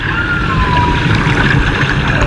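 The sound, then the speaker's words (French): A recording of humpback whale song made off Dakar: thin, drawn-out tonal moans slowly gliding downward in pitch, set against a steady, dense wash of low rumbling underwater noise. No voices. “Bouche bée, installée à leur table d'écolier, la trentaine d'élèves de cette classe de CM2 écoutent religieusement l'enregistrement d'une baleine à bosse réalisée au large de Dakar.”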